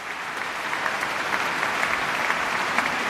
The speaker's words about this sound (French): Et un déluge d'applaudissements pour le pianiste, pour Pierre-Laurent Aymard, qui est l'une des grandes figures du piano français.